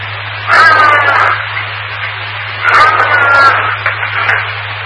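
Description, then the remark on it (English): A bloodhound lets out two drawn-out, booming barks, each about a second long, separated by a short pause, over a steady low electrical hum. “Yes, bloodhounds. Originally bred for hunting bears, their bark is known to be heard for, like, up to 2 miles away.”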